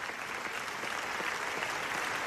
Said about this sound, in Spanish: No, los aplausos son para los directores de NAFA, el documental del genocidio en Gaza que ha recibido la ovación más larga de la historia del Festival de Cine de Venecia. Casi 25 minutos.